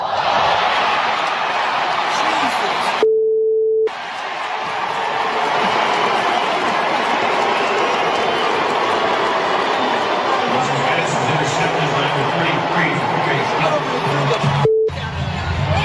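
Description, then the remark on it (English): A huge stadium crowd boos in a sustained, roaring wave, recorded on a cell phone with a rough quality; the audio drops out briefly twice, with a short electronic beep. Fans at the Browns' home preseason game boo Deshaun Watson after he throws an interception. “If you missed it, he got booed today after throwing a pick in the Browns' home preseason game.”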